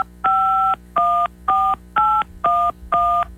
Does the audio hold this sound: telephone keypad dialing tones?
yes